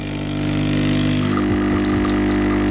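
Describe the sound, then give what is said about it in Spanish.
A coffee machine brews with a loud, steady mechanical hum, a buzzing pump drone that holds throughout, with faint sputtering gurgles joining in over the second half. No one speaks. “Que por cierto, esto para la industria cafetera, igual ese sonido se puede mejorar.”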